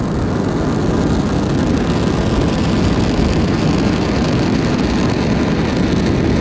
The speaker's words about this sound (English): M1D chamber pressures are nominal. We're hearing good confirmation from Mission Control that everything on board the engine looks good. So right now the rocket is pitching downrange, and all 9 Merlin engines are continuing to perform well.